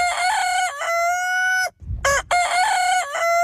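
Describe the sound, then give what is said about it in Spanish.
A rooster crows loudly, two long drawn-out calls separated by a short pause, with a brief burst of chicken clucking in between. “Y también eran las gallinas la depuradora de la casa, pues se comían todo, restos de verduras, frutas pochas, restos de comida.”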